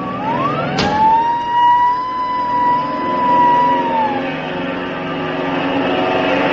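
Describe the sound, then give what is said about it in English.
A pilot starts up a warm small airplane engine: a sharp clunk, then a loud whine rises and holds steady for a few seconds before winding down over a constant rumbling background. “Let me get this crate started. Well, luckily, the engine's warm.”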